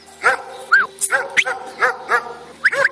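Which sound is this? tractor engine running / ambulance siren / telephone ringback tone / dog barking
dog barking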